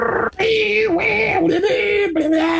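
A dial-up internet modem connection screech: steady, warbling electronic tones with a harsh hissing edge, broken by a few short gaps, loud and continuous over about two and a half seconds.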